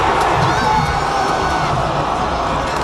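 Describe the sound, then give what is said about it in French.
A large crowd of soccer fans gathered at the Canada Soccer house in Toronto, following a World Cup match of Canada's men's national team, reacts in disappointment: a loud, dense wash of many voices with scattered shouts and cries, holding steady for the whole few seconds. “On entend une foule déçue rassemblée à la maison de Canada Soccer du côté de Toronto.”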